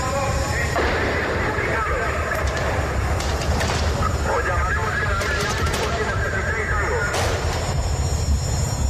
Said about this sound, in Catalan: Acaba de manera sobtada perquè, ja ho heu sentit, se senten trets. El Rubio no s'ho va pensar dues vegades i des d'una de les finestres del banc va disparar contra el tanc.